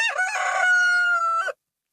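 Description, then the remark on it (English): A rooster crows once as a sound of the Ekka show, a loud, harmonic cock-a-doodle-doo lasting about a second and a half, with a rising start and a long sustained high note before it cuts off into silence. “It's the sounds of Ekka The Rooster's gone off.”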